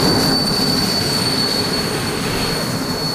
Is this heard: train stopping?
yes